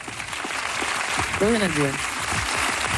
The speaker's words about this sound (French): applaudit aussi, bien sûr.